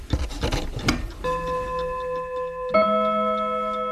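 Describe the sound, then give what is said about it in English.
A clock ticks faintly after a brief burst of rubbing and handling noise as the clock is moved, then two bright chime tones ring out a second or so apart, each sustaining and humming. “See, now it's clicking because I moved it. It's ticking.”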